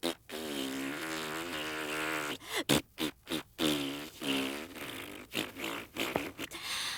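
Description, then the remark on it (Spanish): A voice makes a long, wavering vocal boo imitation, sustained for over two seconds, followed by a series of shorter, choppy blurts and sputtering bursts of varying pitch. “Quiero que tú hagas un abucheo.”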